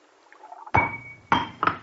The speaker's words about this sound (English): The glass, it slipped from my hand. For a moment, I had no feeling in my fingers.